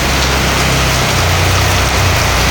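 Steady, dense hiss of heavy rain pouring down continuously in the Tasikmadu area at 3:54, with a low rumbling hum underneath like an idling engine. No voices.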